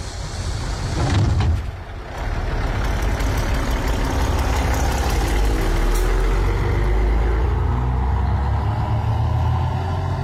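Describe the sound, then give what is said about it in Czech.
A bus engine runs steadily, a deep continuous rumble with a brief surge early on before settling into an even idle-like drone, during a bus ride to the water. No one speaks. “Tak pozor, 3, 2, 1, autobusem jsme jeli.”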